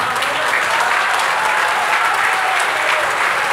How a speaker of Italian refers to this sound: mettiamoci d'accordo, cerchiamo di ridurre gli applausi, perché sennò poi, perché ho diverse cose da dire